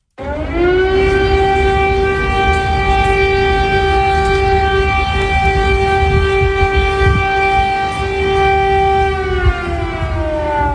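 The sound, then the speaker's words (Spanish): An air raid warning siren in Kyiv, Ukraine, warning of imminent danger, rises quickly and then holds one loud, steady wailing tone for about ten seconds, with faint city background noise beneath it and no voices. “Corresponde a las sirenas que avisan de un peligro inminente.”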